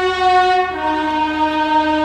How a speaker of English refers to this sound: Let's hear it for the train.